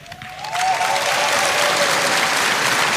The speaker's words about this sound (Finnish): Näin juuri he ovat aplodinsa ansainneet, aivan kuten on myös Samuli Jokisen johtama loistava tango-orkesteri.